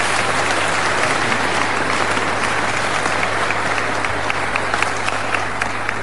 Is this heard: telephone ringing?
no